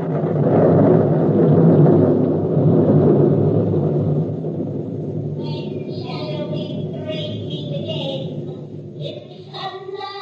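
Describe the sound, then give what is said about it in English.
A deep, rolling thunder sound effect for a stage play swells loudly for the first few seconds, then lingers as a steady low roar while high, wavering voices rise above it toward the end. “A desert place. Thunder and lightning. Enter three witches.”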